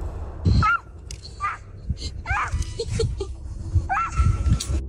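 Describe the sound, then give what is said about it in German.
A baby vocalizes in a series of short, high, pitch-sliding squeals and coos, somewhat animal-like, fairly loud over a low rumbling background. “Also ich würde jetzt sagen, es ist ein Hund. Mhm. Das ist falsch.”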